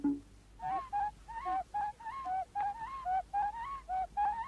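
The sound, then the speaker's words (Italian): A bird gives a steady series of about a dozen short, honking, mid-pitched calls, each slightly rising or falling, repeated in a quick, even rhythm with no talking. “E i richiami degli indiani d'America, cui corrispondono perfettamente i canti degli uccelli.”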